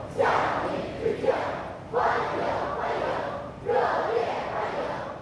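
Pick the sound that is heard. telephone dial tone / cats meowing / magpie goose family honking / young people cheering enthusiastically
young people cheering enthusiastically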